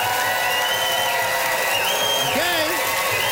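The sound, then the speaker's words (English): A studio audience cheers and applauds to vote for a contestant, a dense, steady wash of clapping and shouting voices, with a few whoops rising above the roar. “Listen to that crowd.”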